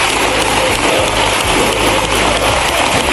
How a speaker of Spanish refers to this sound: Una ovación de minuto y medio en la bancada socialista. Y no solo en la socialista. Los diputados de Podemos, haciendo de palmeros inesperados y gritando si se puede.